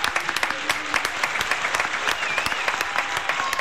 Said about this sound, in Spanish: Yo voy a poner de pie también para aplaudir a alguien que ha dedicado toda su vida a la radio. Así que me pongo de pie para aplaudir,